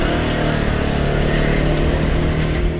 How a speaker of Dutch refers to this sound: Maar gelukkig heb ik mijn eigen scooter. Een 125cc weliswaar. Maar niet minder leuk.